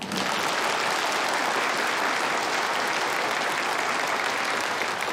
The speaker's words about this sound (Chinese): 大家鼓掌。